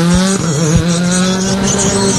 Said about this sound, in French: Hop là, mauvais départ. Elle a calé en plein départ. Calé là, à l'instant même. Voilà, on redémarre la voiture.